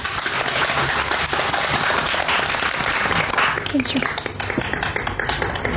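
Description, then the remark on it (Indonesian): Steady, dense applause from an audience, a loud rattle of many clapping hands that holds throughout, with faint voices and a few cheers mixed in toward the end. “Beri tepuk tangan untuk teman kita semua.”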